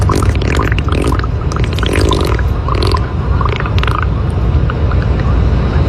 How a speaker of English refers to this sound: I just have this 6-second clip of audio just labeled beaver farts. When have we ever played beaver farts on the show? I don't even remember this, but I don't have beaver mating. I just have beaver farts.